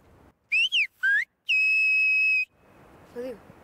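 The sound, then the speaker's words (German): A loud human whistle imitating a spoken word, an animal's name, 'elephant': three quick pitch-gliding chirps followed by a long, steady held note, piercing, whistled hard outdoors against faint outdoor background noise. “Leise kann ich es gut, aber hier draußen, wenn ich stärker pfeifen muss, verschlucke ich viel.”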